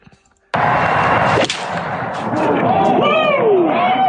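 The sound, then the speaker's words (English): A crisp, sharp strike of a golf club on a ball by golfer Nicholson snaps out once, then a crowd erupts into sustained loud cheering and shouting with rising whoops. “Clean contact.”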